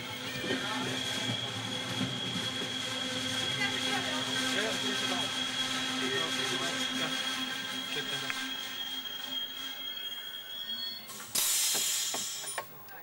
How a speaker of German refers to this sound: Kurz nach 10 Uhr treffen wir mit dem E1299 in Vicenza ein. Unser historischer Sonderzug steht schon bereit. Der übervolle Bahnsteig lässt an diesem Sonntag nur einen Schluss zu. Karneval im nahen Venedig.